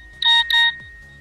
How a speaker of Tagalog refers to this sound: At saka luma na yung tutut natin na yung ringtone natin.